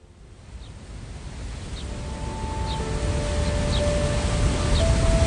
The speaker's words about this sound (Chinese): 哇，这瀑布可真壮观，有种飞流直下3000尺的感觉呢。 这个呀，是赤水大瀑布，也叫石帐洞瀑布。虽然没有3000尺那么夸张，但它的垂直高度达到了76米，相当于25层住宅楼那么高，是长江流域最大的瀑布了。